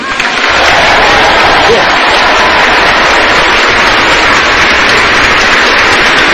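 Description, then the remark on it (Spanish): A large crowd applauds steadily and loudly, a dense wash of clapping that swells in within the first half second and holds for several seconds without a break: people at Mass in a Naples basilica celebrating that the blood of San Gennaro has liquefied. “Ahí tenéis el aplauso de la gente que en plena misa, o sea, líquida, ¿no?, celebra que se ha vuelto líquida.”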